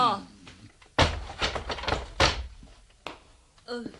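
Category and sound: household object, door being opened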